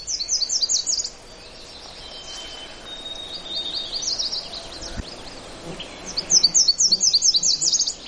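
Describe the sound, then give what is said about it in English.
A Nashville warbler sings nearby in clear, rapid bursts of high chipping notes, repeated a few times with pauses between, over a soft background of other birdsong. “There, I'm actually closer to the Nashville, so you can hear it as an individual bird.”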